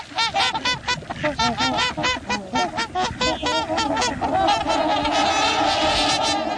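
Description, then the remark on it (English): A flock of trumpeter swans, returned to the Pacific Northwest for winter, honking: a dense overlapping chorus of loud, brassy calls repeating rapidly throughout, with no speech. “while the larger trumpeter swans returned to the Pacific Northwest.”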